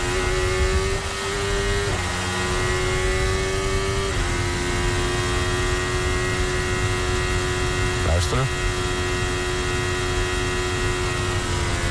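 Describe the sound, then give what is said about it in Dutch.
Lewis Hamilton's Formula 1 car engine drones at a high, steady pitch for twelve seconds as it comes out of Ascari, stepping up in tone with quick gear shifts around the two-, four- and eight-second marks. “Om het geluid van Lewis Hamilton uitkomen als Ascari.”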